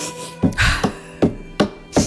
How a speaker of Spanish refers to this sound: Son los pasos míos. Pasos hacia no atrás.